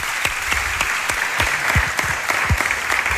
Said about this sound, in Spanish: Vamos a dar un aplauso